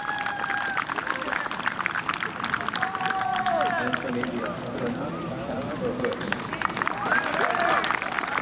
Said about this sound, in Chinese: 这一听呢是殷若宁的球迷和观众亲友团来给他助威了。